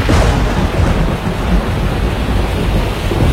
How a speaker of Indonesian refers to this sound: udara lembab terus naik dan mendingin, menghasilkan awan hujan tebal dan petir. Di wilayah tropis, kondisi ini bisa berubah menjadi badai siklon atau topan. Angin kencang, hujan deras, dan kilat yang menyertainya bisa menyebabkan kerusakan besar.